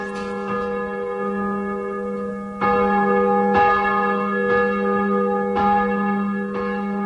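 A large church bell rings loudly and steadily, struck about once per second, each stroke blending into a rich, sustained hum of overtones. No one speaks.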